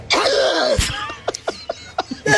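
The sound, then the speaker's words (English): A strained, drawn-out cough with a rough voiced edge, then a string of short, evenly spaced throat-clearing hacks, with no talking. “A cough and then a throat clear? Is that what that was?”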